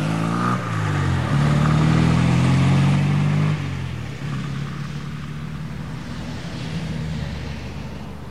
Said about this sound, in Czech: Jenom přikývl a pak už si zase sedl vedle řidiče a odvrčeli směr dálnice.